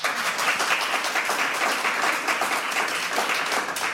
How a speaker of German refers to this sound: Ein ganz, ganz dicken Applaus bitte.